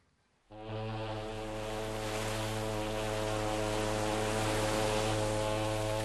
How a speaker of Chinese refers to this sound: 香港在望，汽笛声中，客轮渐渐靠近码头。